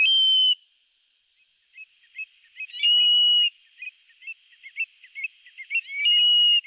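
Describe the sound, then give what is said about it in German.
A Eurasian stone-curlew calls at night by a salt lake slowly drying out in hot weather: loud, shrill whistling cries that rise and sustain, repeated three times, with softer clipped call notes scattered between them in a quiet, still setting. “Das ist auch schwer, so ein Triel zu sehen, denn der ist 1A Tarnfarben.”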